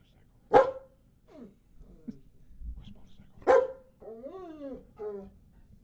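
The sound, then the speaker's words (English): A dog barks twice, a few seconds apart, sharp, with softer whining and yipping noises in between. “Are you barking, Tundra? Was that you?”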